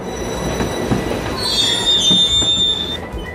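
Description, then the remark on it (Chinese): A China–Europe Railway Express freight train's wheels squeal loudly and steadily on the rails over a low rumbling clatter as it stops for a gauge change between 1435 mm standard track and 1520 mm broad track; the shrill metallic whine peaks midway before cutting off at the end. No voices. “老师，我车怎么在这里停住啦？”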